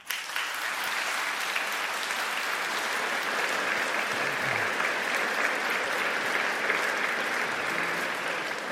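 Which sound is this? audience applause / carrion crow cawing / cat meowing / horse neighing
audience applause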